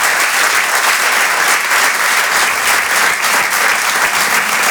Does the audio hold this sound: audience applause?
yes